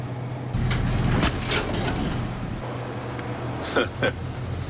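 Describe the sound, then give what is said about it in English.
A heavy bus engine rumbles with a steady low drone on a narrow road, broken by a few short hissing bursts as the bus approaches. “Because I'm in a tractor and there's a bus coming.”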